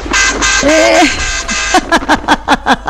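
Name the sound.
vehicle horn honking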